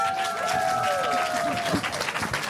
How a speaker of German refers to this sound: Applaus, nicht den Schnaps.